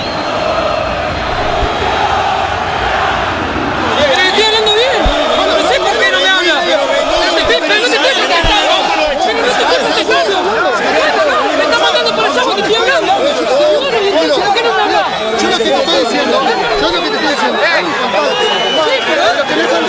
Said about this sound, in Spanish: Bueno, la protesta tenía que ver con la última acción del partido. Enojadísima la gente de Huracán, la bronca del público quemero después del empate 1-1 ante Estudiantes de Río Cuarto. Se ha terminado la historia aquí en Parque Patricios.